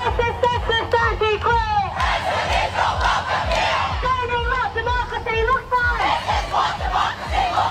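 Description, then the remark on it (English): A large crowd of students protesting in Civic against Pauline Hanson and One Nation's policies shouts and chants together, loud and continuous, with overlapping voices rising in rhythmic bursts over a steady rumble of low background noise. “And a big crowd of students protested in Civic today against Pauline Hanson and One Nation's policies.”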